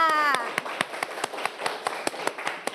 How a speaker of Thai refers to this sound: เด็กๆคะเด็กๆปลายทางรวมถึงเด็กๆต้นทางปรบมือให้กับตนเองค่ะ